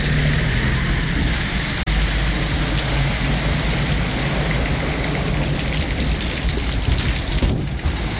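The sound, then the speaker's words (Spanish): Steady, dense rain pours down at night in sector La Berta, Coronel, a constant hiss with no talking, broken only by a sharp click early on and a brief whooshing splash near the end as a car crosses a puddle by the railway line. “Escuchamos el sonido ambiente ahí de lo que está, de cómo está la lluvia hasta ahora aquí en Coronel.”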